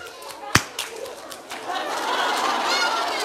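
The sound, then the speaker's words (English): A single loud, sharp hand clap rings out, followed by a fainter tap, with birds chirping and cooing steadily in the background. “I'm going to give you a clap.”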